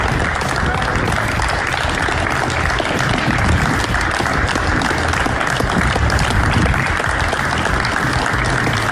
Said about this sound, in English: Yes, we all went outside and clapped for the NHS, didn't we? Well, some of us did.